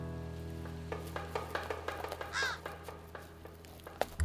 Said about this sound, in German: Eine hungrige Krähe hat genau darauf gewartet. Schildkröteneier sind schließlich sehr nahrhaft.